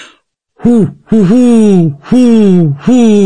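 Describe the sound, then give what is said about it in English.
A person imitates a great horned owl with four low, breathy hoots, the second with a slight stutter, delivered in a steady rhythm with short gaps between them. “Well, I can do a great horned owl, which sounds, I'm not great, but here we go.”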